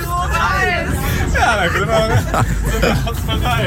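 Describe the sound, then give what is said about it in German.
Dense crowd chatter fills the interior of a moving bus heading to a radio awards event, with a steady low engine rumble underneath the overlapping voices and occasional laughter. “Also wir sitzen nicht im Zug, der rollt, wir sitzen im Bus, der rollt.”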